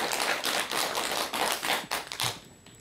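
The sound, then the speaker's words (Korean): A crowd applauds a person who asked a question, clapping together in a dense, steady burst that holds for a couple of seconds, then thins out and fades away near the end. No one speaks. “오늘 멋진 질문 해주신 우리 거사님께 다시 한번 박수 부탁드릴게요.”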